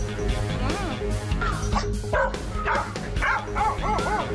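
A dog barks and yips repeatedly in quick, high-pitched bursts with rising and falling tones, set over a dense, steady background sound.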